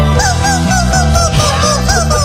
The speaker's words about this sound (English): I want to play this clip of a dude playing that song on 14 Rubber Chickens.